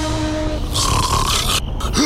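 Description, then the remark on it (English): Loud, rough snoring with a harsh, noisy inhale, then a sudden choking sleep apnea snort as breathing catches and restarts. No speech, just heavy rasping breaths. “Sound familiar? Sleep apnea could be affecting your health.”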